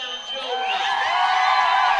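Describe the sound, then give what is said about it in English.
An audience at a rodeo dance-off show cheers and applauds a contestant loudly, with high whoops and shouts rising over a steady wash of clapping that holds strong for about two seconds. “Pretty good applause.”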